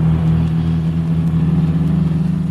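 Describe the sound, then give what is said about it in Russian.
A large American car's engine rumbles loud, a steady low drone with a slight pulsing texture, as it races at furious speed along a bad road north of Port-au-Prince, throwing up dust; no voices. “По скверной дороге на бешеной скорости промчалась большая американская машина, обдав нас пылью.”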